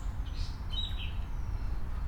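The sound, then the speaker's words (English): Several birds chirp and call around the end of Frog Harbor, short high tweets and a few brief whistled notes over a steady low outdoor rumble, with no one speaking. “And we got other talky birds over here.”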